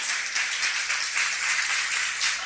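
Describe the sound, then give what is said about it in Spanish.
A church audience claps for the Lord during a morning service in a steady, dense wash of applause, the many overlapping claps blending into a continuous bright patter that holds its loudness throughout, with no voices. “Los que creen que Dios le ha dado bendición, dele palmas al Señor esta mañana.”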